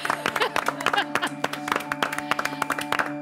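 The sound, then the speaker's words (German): A small group claps for a few seconds at an internal presentation, in quick, irregular, crisp bursts at moderate loudness, with a steady low hum underneath and faint voices mixed in. “Also da würde ich mal sagen, ist ein Applaus wert, oder?”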